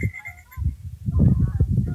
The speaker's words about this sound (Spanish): Bueno, aquí sí logra el sonido, los patos.